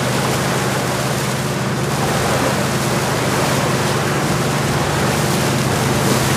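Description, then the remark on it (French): A boat engine drones steadily at sea as the boat slowly returns toward Libreville, its low constant hum mixed with the loud rush of water and wind, unbroken throughout with no voices. “Dans le bruit du moteur, le bateau rentre lentement vers Libreville.”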